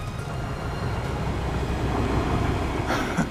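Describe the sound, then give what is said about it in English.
A train on the Jungle Railway in Kelantan province, northeast Malaysia, rumbles along the railway track, a steady low roar with metallic clatter that swells slightly louder as it approaches. No voices are heard. “I think I hear the track. The main indicator of a train coming will be my ears. Yeah, this is it coming down.”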